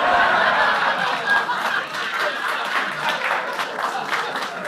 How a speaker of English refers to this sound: And you applaud.